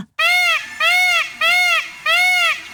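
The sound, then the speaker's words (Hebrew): A peacock, puffing out its chest and spreading its colorful tail, calls four times in a steady series, each cry a loud, nasal, wailing note of about half a second, with short pauses between them and no talking. “לדוגמה, כאשר טווס פגש את נקר על השביל, הוא היה מנפח את חזהו, פורס את זנבו הצבעוני והיפהפה וצועק.”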